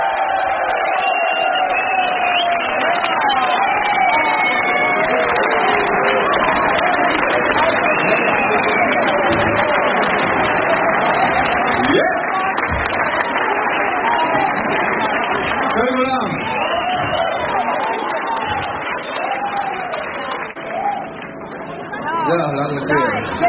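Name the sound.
audience applause and cheering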